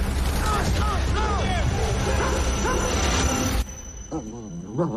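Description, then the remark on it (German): A German shepherd dog named Odin whines and yelps in short, rising cries over a dense, rumbling wall of noise, which suddenly drops away near the end, leaving quieter whimpers. “In den endlosen Weiten Alaskas müssen Brad Pitt, Ex-Soldat und sein Schäferhund Odin ums Überleben kämpfen.”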